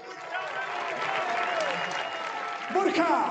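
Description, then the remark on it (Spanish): A crowd claps in steady, dense applause that fills the whole moment, with a few voices and cheers rising near the end as the clapping swells slightly louder. “Así que un aplauso, por favor, para todos, que son los putos amos.”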